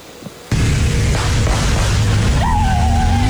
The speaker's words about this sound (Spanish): Se ve que es una metralleta y realiza disparos al aire, ¿no? Así como diciendo, aquí mis chicharrones truenan y frente a la Fiscalía yo soy impune.